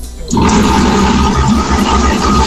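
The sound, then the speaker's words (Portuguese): A construction crew's concrete mixer starts up after a brief silence and runs loudly and steadily, a harsh, growling mechanical roar with a low, pulsing rumble underneath and no talking. “Ô, bitorneira maluca essa, né? Essa bitorneira aí dos loucos da construção parece um leão, ó.”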